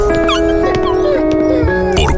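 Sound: dog whimpering and barking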